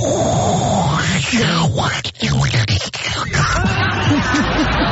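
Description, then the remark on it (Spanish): A voice imitates crackly radio static: five seconds of loud, hissy, buzzing noise with warbling pitch sweeps, briefly cut off twice near the middle before carrying on. “Pues es que nunca agarró la señal y lo único que aprendió a hacer el … fue hacer como la estática del radio.”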